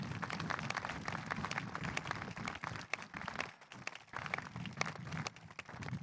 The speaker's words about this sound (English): A big round of applause for everyone I just mentioned.